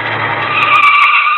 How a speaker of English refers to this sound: And here comes a car.